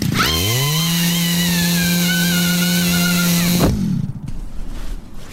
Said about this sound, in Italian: E si è messa in spalla la motosega e credo stia per tirare la corda per accenderla.